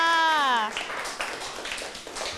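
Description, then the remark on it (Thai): A woman's voice trails off on a drawn-out syllable, then a class breaks into steady applause for group 1 after their role-play, a dense, crackling wash of many hands clapping at once that carries on to the end. “เอาละค่ะขอเสียงปรบมือให้กับกลุ่มที่1ค่ะ”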